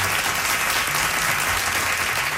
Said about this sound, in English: But it went really well, and he got such applause and cheers from the audience.